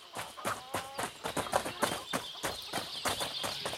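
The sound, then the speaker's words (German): Horse hooves clip-clop in a quick, steady rhythm, about three or four hollow knocks per second, moderately loud over a faint background hiss, as horses are taken to a castle. No one speaks. “Ich nehme die Pferde, ist doch klar.”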